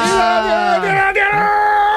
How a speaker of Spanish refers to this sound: Vaya, menudo grito que me ha pegado. Realmente a mí me ha dejado descolocado.